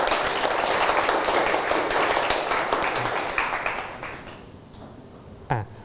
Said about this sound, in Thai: นักเรียนปรบมือเพื่อนหน่อยครับ